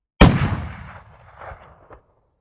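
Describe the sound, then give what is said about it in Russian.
One sharp, loud rifle shot cracks out suddenly, followed by a rolling echo that fades over about two seconds. No voices are present. “Подождал, пока руки перестанут трястись, и нажал на спусковой крючок. Одного выстрела хватило.”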